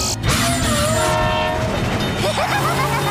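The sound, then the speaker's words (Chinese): A train rumbles past while its horn blares in one long, loud blast that fades into the steady roar and rattle of the cars. “现在我们还得等火车通过吗？”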